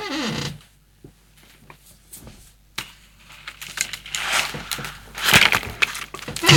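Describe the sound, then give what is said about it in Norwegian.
A chair creaks in a series of irregular, scratchy bursts, some brief and some drawn out, growing louder and harsher toward the end, with no voices. “Så smart at det en stol som knirker sånn.”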